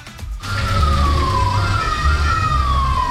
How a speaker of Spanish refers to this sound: Se escuchaban ahí las sirenas. Es que estamos muy cerca. Esto estaría ocurriendo entonces en el Parque Italia. Ahí al fondo se escuchan, lejos.